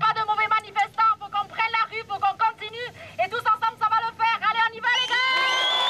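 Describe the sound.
A large crowd of students and unions at a demonstration in Bayonne, France, chants in loud, rhythmic bursts against fascism, syllables rising and falling together, then breaks into sustained shouting and cheering toward the end.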